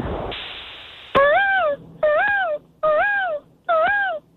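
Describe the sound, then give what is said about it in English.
A caller imitates a peacock with four loud, nasal wailing cries, each swooping up then down in pitch, evenly spaced after a brief burst of noise, with no talking. “That was a human? That sounded exactly like the peacock.”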